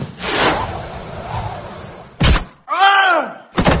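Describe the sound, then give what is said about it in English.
A cannon fires a shepherd's pie, still in its dish, with a long rumbling whoosh and a sharp bang. A brief wavering cry follows, then a final hard thud as the pie hits a person. All loud. “I shall load this shepherd's pie, aim it at a distant povo, and then fire it.”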